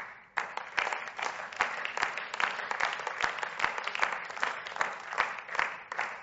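Steady applause from an audience in a large room, many hands clapping densely and continuously at moderate loudness, with no voices standing out.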